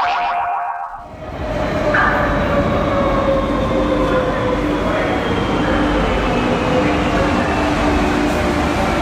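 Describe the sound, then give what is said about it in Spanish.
A Madrid metro train rumbles along loudly and steadily after a brief dip at the start, with a constant low roar, faint squealing tones and metallic clatter from the wheels on the rails. “Trayecto de metro en Madrid.”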